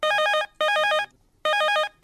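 A telephone rings on an outgoing call from the phone-in programme Hello Sangwari: three short, bright warbling bursts separated by brief silences, steady and fairly loud, with no voices.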